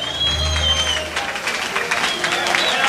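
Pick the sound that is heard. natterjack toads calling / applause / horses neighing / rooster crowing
applause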